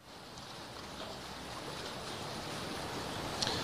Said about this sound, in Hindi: चिनाब नदी अपना रौद्र रूप दिखा रही है वहां पर।